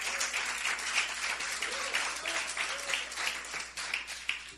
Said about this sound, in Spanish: Dele un aplauso fuerte al Cristo de la gloria.